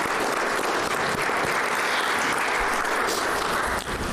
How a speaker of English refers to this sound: We equally commend our men and women in uniform from the Namibian Police as they continue to serve and protect our region. May we please give them a round of applause.